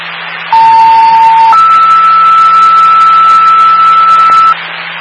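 Two-tone fire dispatch alert for a medical alarm, sending Engine Palmer Fire, over radio static: a steady lower tone for about a second, then a higher tone held for about three seconds, both loud and continuous, with no talking.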